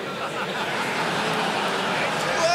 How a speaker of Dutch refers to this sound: Daar riep iemand uit het publiek iets. Je ziet dat Woodhouse aan alles probeert om maar in die focus te blijven.